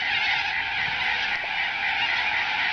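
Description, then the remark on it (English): A large flock of corellas in Bunbury screeching together in a continuous, harsh wall of raucous calls, loud and dense, with no pauses and no talking. “The birds! They're awful. The Bunbury Corellas.”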